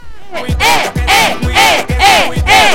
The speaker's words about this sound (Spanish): Hágale, aplauso.